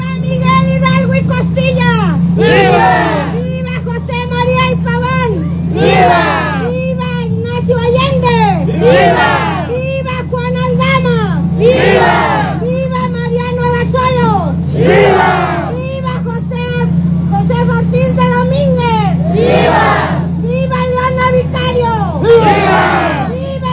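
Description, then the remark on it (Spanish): A crowd at the Plaza Central Eulalia Guzmán shouts vivas naming the heroes of independence during the traditional Mexican Independence cry, voices rising together in loud rhythmic bursts every couple of seconds, over a steady low rumble that runs beneath the whole scene. “Al llegar a la Plaza Central, Eulalia Guzmán, las arengas y las vivas, nombrando a los héroes de la independencia, continuaron mientras el contingente llegó a este sitio para volver a escuchar los vítores en el centro del lugar.”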